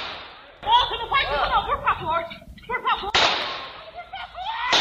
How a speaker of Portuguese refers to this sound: De dentro do imóvel, Paulo Sérgio fez o primeiro disparo.